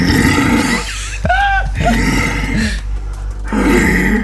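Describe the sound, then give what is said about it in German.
A red deer stag bellows during the rut, giving several deep, loud, guttural roars in a rough sequence with short pauses between, rasping, with no talking. “gar kein Bär, sondern ein Hirsch in der Brumpfzeit.”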